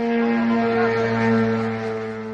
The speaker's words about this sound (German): Dem Geräusch einer Drohne, die in den rumänischen Luftraum eindringt.